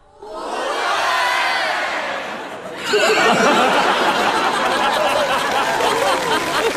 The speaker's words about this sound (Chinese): 你听听观众反馈， 你听听开场以来最爆发的掌声。